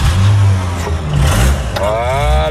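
An old car's unrestored engine starts at the first try and runs loudly, a deep rumbling idle that climbs into a rising rev near the end as the accelerator is pressed, with no voices.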